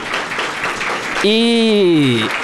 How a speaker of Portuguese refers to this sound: Ela está aqui no plenário, inclusive eu gostaria de uma salva de palmas para ela.